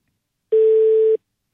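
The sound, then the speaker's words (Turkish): A single steady phone voicemail beep signaling the start of message recording, a flat electronic tone lasting well under a second, heard clearly with nothing else around it. “Sinyal sesinden sonra kendi tarifiniz üzerinden mesajınızı bırakabilirsiniz.”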